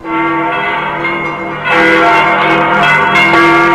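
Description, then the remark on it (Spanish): Church bells toll loudly, their overlapping metallic tones sustaining and humming, with a fresh strike swelling the peal halfway through. No voices are heard. “En la Inglaterra del siglo XVII, las campanas de la iglesia doblaban por las noticias de lo que estaba sucediendo en una parroquia.”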